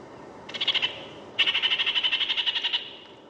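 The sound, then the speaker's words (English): A kākāriki (New Zealand parakeet) gives a rapid, high-pitched chattering call: a short burst of about five notes, a brief pause, then a longer run of fourteen or so even, sharp notes. “The kākāriki, the New Zealand parakeet.”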